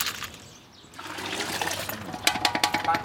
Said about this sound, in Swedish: En bit längre ner på gatan håller en man på och diskar sina grytor.